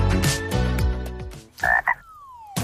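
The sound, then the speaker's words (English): A frog croaks in short, throaty bursts, clear, with a couple of louder ribbits near the end followed by a falling tone. No one speaks. “Hey, what does a frog know about money?”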